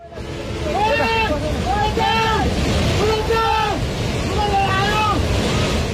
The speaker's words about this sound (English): This one shows the ferocity of the water coming down from a river, washing away a steel truss bridge in seconds.